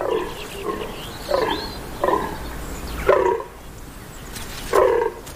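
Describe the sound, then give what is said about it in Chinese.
A male deer in an ancient forest gives a series of about six short, deep, grunting calls, repeated in an uneven rhythm with brief pauses between them, over a soft background hiss. “雄性天鹿每小时可以发出超过3000次叫声。”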